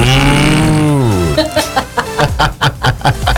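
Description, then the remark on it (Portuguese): A voice imitates an ox's low, drawn-out moo for about a second, the pitch sliding downward, followed by a burst of laughter and chatter. “Um igual o boi agora, ó.”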